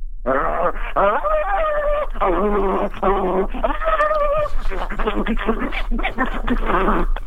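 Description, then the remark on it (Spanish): A man imitates a dog, a loud, continuous run of whining, yelping vocal bursts with wavering pitch, one after another for several seconds with no other talk. “No sé si seas el mejor perro, pero si es de que me das ganas, le echaste.”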